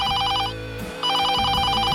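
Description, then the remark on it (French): Camilla's telephone rings at about 5 a.m. on 31 August 1997 while she rests in the countryside: two loud bursts of rapid electronic trilling, with a short pause between them, against a low background hum. “Le 31 août 1997, Camilla se repose à la campagne quand son téléphone sonne vers 5h du matin.”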